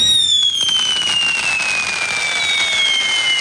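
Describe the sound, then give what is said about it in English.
Loud fireworks fill the air with a dense, continuous crackle while several high whistles glide slowly downward in pitch, sustained with no voices, at the La Crosse County Historical Society's Saturday night celebration of America's 250th anniversary at the Hickson House. “The sound of fireworks this weekend.”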